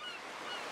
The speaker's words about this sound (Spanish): ¡Y el mar!